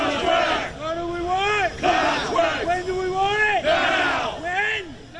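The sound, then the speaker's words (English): A crowd of striking Long Island Railroad workers in New York chants loudly in unison, shouting a repeated call in steady rhythmic bursts, their massed voices rising and falling together. “Workers at the Long Island Railroad in New York are on strike.”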